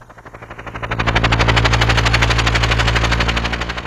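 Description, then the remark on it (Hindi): A loud helicopter rotor sound effect on 107.1 FM Rainbow radio chops in a rapid, steady thump over a low engine drone, swelling up quickly in the first second and then holding strong with no voices. “ये जो गाना है ये बिल्कुल हेलीकॉप्टर से आपके लिए लैंड हो रहा है, सुनिए।”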